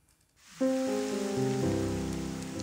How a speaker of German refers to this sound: Tropfen für Tropfen. Knapp 11 Liter auf den Quadratmeter. Die Pflanzen im Botanischen Garten in Tübingen genießen den lang ersehnten Regen.